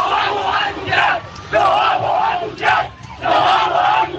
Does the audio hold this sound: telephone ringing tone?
no